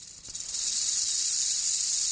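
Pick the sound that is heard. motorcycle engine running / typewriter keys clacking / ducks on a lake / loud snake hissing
loud snake hissing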